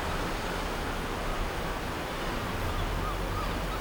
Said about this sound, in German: Der Wind ist kalt.